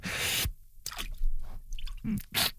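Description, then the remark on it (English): Arms are dunked into cold water as a pain-tolerance test, making a loud splash followed by several shorter sloshing and squishing bursts as the water churns, with no talking. “Now it's time to dunk our arms in the cold water.”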